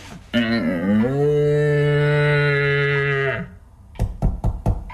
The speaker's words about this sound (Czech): A co je tohle? To je vábnička na jeleny. Poslouchej.